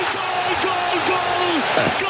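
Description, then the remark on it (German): A large crowd cheers and roars steadily as a goal is scored, a dense wash of many voices with rising and falling shouts and whistles cutting through, loud and unbroken for about two seconds. “Oder aber einige jubeln so.”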